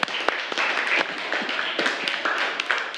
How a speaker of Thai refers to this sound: ปรบมือเพื่อนหน่อยแล้ว